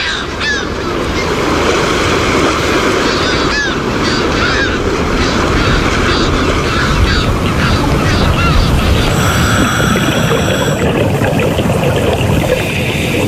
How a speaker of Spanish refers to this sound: Al amanecer en el puerto de la isla de Cabrera. Aquí, al aire libre, en nuestro medio, el sonido nos resulta familiar, tranquilizador.